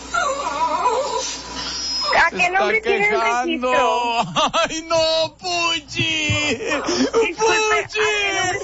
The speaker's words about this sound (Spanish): Mira, se sigue quejando el perrito Puchi. Mira, hoy cómo se queja.